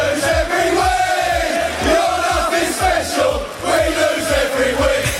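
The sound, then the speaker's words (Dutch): A large crowd of English football fans sings a rhythmic chant in unison, 'you're not special, because we lose every week', loud and steady, with a pulsing beat and voices rising and falling together across the whole stretch. “Je bent niet speciaal, want wij verliezen elke week. Wat maakt dit bij jou los? Ja, die Engelsen, ik hou erg van voetballiedjes.”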